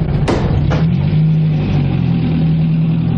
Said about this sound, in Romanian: Dă drumul motorului și la drum, haide!